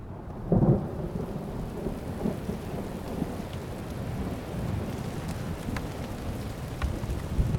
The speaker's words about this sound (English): This rainstorm with lightning and thunder